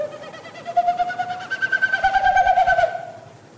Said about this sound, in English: So each time they flap their wings, it pushes air through the stiff outer tail feathers and it makes that woo, woo, woo, woo, woo kind of sound. They make that sound to establish their nesting territory and attract a female. It's a courtship sound.